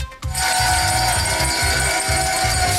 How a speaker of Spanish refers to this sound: Es el tradicional sonido de la campana en la apertura de Wall Street y aplausos de Elon Musk y trabajadores de su empresa.